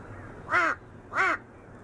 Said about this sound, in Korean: 괜히 옆에 와서 시비를 걸어보는 까마귀. 밉지가 않네요.